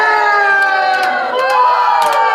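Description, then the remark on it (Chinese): Dense crowd ambience at a night market, recorded the previous day: a steady, loud wash of many overlapping voices and shouts, with sustained tonal layers and brief sharp bursts cutting through. “老表，这是夜市啊。”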